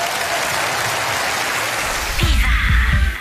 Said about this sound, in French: mesdames et messieurs, applaudis très fort.